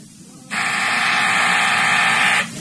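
A single sustained office intercom buzzer sounds for about two seconds, a loud, steady, harsh drone with dense harmonics, starting and stopping abruptly over a faint low background hum.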